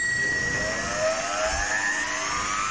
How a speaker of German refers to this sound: Der E-Motor am Fahrrad.